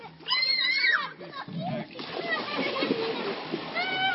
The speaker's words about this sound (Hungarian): Csobog a Duna, és véget ér az Optimál.